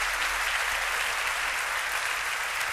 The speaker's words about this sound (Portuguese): Bravo! Grande Sérgio! Merece-me esse aplauso, sim senhor!